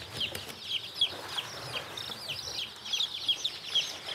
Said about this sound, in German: Die Küken sind gerade mal 2 Tage alt.